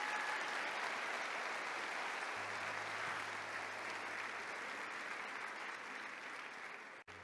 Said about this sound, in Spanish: Bueno, aplaudamos al Señor.